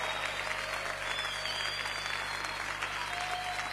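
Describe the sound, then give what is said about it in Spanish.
An audience applauds Jesus in a steady, dense wash of clapping that holds at an even loudness for the whole stretch, without pauses or a clear rhythm. “Te aplaudimos a ti, Jesús.”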